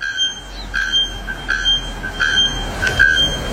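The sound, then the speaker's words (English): A bare-throated bellbird, one of the world's loudest birds, calling: loud, piercing metallic notes repeated in a steady rhythm roughly every second, over a continuous ringing high tone, with no voices. “It actually sounds like one of those things at pedestrian crossings that has gone AWOL, but that is the bare-throated bellbird.”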